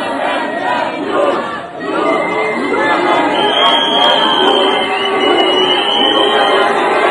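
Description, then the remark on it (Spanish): A large crowd below a balcony boos and shouts at European leaders, including Rutte and the German chancellor, in a loud, continuous roar of many voices, dipping briefly early on before swelling again, with a thin high whistle rising over the din midway. “Escuchá cómo los abuchean, ¿no? Salen ahí y les gritan.”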